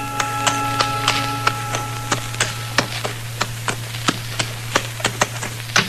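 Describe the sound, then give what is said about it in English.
Hooves of a tall, thin horse with a rider coming up clop in a steady, slightly uneven rhythm, the sharp knocks growing a little louder over time above a constant low hum. No one speaks. “And that's when I saw the stranger riding up from the way I'd come.”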